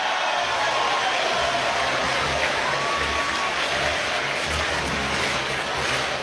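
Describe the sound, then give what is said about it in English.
A packed baseball crowd at Wrigley Field roars continuously while Pete Crow-Armstrong bats with two on and two out, a dense, loud wash of cheering and shouting that stays steady throughout with no clear breaks. “Crowd making a lot of noise here at Wrigley Field trying to help Pete Crow Armstrong.”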